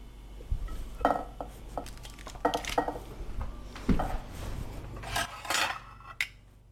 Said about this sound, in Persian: وقت کشیدن غذا توی ظرف اصلیه. کاملا میشه تشخیص داد که این گندم‌ها با آب مرغ درست شده.